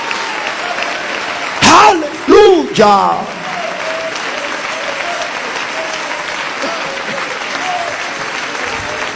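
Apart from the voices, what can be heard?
audience applauding in praise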